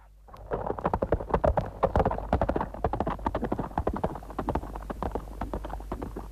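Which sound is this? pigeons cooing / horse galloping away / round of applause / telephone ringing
horse galloping away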